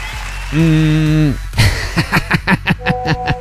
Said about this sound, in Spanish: Es correcto, aplauso para este mensaje.